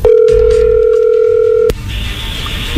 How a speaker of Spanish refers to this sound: Bueno, a ver, ahí se está marcando, ahí entró la llamada.